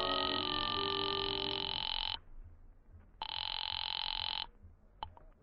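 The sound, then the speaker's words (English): A telephone rings on the line as a call is placed from a phone booth to the Cafe Tambourine: two long, buzzing ring bursts separated by a short pause, fairly loud, followed by a faint click. No one speaks. “I waited around the lobby for a while, then stepped into a phone booth and called the tambourine.”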